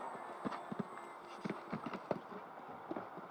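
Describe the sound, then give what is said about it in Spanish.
Rhythmic hoofbeats of a horse cantering on soft ground toward a triple-bar jump in a show-jumping grand prix, a steady series of thuds, with a faint broad background hum and no one speaking. “Yéndose al triple.”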